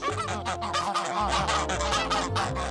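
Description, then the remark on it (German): A flock of eight geese, kept right next to a farm shop, honks loudly, their harsh overlapping calls coming in a dense, continuous chorus over a low steady rumble. “Sarah hält 8 Gänse und 60 Hühner gleich neben dem Hofladen.”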